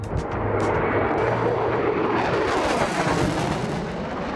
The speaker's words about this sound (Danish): Det er F-16-flyet, der jo nu er blevet udskiftet med F-35-flyene på flyvestation Skrydstrup.